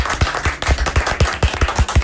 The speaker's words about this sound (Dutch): Als je je naam hoort en het applaus is, wil ik thuis ook. Ja, nou ja, nou wij klappen graag voor onze gasten, dat vinden we leuk.